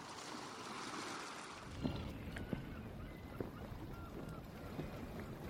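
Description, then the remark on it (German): A pirate ship drifts on open water, with a steady wash of sea and wind and a few sharp wooden creaks or knocks rising now and then, no voices. “Sie ließen sich und ihr Schiff höchst verantwortungslos treiben und sangen ihr Lieblingslied.”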